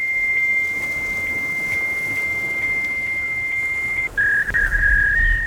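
A fax machine beeps out a birthday song as one long, steady, high electronic tone that drops abruptly to a slightly lower note near the end, with no voices.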